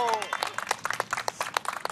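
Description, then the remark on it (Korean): A small group claps rapidly and irregularly for about two seconds, applauding after a dog lies down on command during obedience training on a rooftop, the sharp claps steady in loudness, with a brief voice-like tone at the very start. “박수!”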